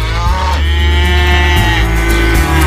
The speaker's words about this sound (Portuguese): E a vaca mugiu.